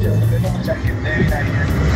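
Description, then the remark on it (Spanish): Steady street traffic rumbles throughout, with cars passing in a continuous low roar, while a person talks over the noise. “Pero muy bien, pero tenga ojo con los autos, que se escucha unos.”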